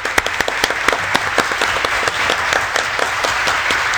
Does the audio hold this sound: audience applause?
yes